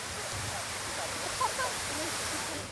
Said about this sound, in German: Den ganzen Sommer über werden die Fontänen von Peterhof und seine Parks die Gäste der Stadt erfreuen. Insgesamt gibt es in Peterhof über 150 aktive Fontänen und Wasserspiele.